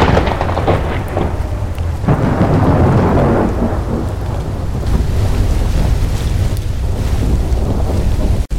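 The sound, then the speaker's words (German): A heavy thunderstorm breaking suddenly over Blackwell's Island: dense, steady downpour with deep rumbling thunder rolling throughout, loud, with gusty wind noise buffeting the microphone and no voices. “Wie aus dem Nichts brach das Unwetter über die Insel herein.”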